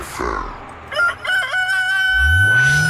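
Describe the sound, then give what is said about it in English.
A rooster crows once, loudly, with a few choppy opening notes stretching into a long sustained cry, while a low rumbling swell rises underneath toward the end. “Kokoroko, don't crow.”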